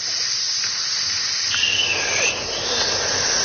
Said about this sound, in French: Et l'idée, c'est qu'on va expirer plus longuement que notre inspiration. Et comment on va faire? On va faire la respiration du serpent. Avec la bouche, on va faire passer moins d'air. On va le faire ensemble.